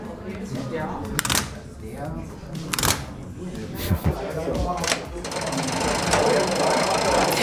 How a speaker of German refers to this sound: Ja, so klingt die Einfahrt eines Zuges von Treben auf Gleis 4, rein signaltechnisch. Und die ganzen Hebel und Kurbeln gehören zu einem 7 Meter langen Stellwerk.